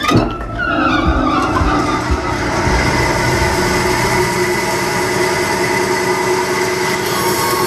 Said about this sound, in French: Alors là, on prend le billon. Et après, on va aller sur la scie à ruban. Et là, on va la mettre en route.